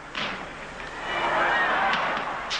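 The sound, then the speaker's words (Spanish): Fireworks rockets whistle upward and burst with a few sharp pops over a steady wash of crowd noise, fairly loud and continuous throughout, as a watching crowd celebrates a festival in Calais. “Arriba, ante la mirada complacida de la multitud, estallan los cohetes.”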